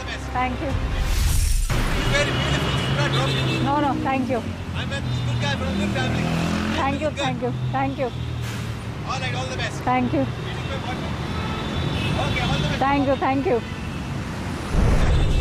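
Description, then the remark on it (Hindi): A car stops and idles at the roadside beside a young woman standing alone, amid steady, loud street traffic in Delhi, India, with people talking continuously over the engine rumble; the driver offers her a lift. “जिनके पास एक गाड़ी रुकती है, अकेली लड़की देख सीधे छेड़ देने का ऑफर होता है।”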